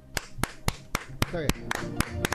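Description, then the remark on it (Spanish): Steady, rhythmic clapping, about ten sharp claps at an even beat, fairly loud, with a brief voice murmuring underneath partway through. “A ver cuántos aplausos.”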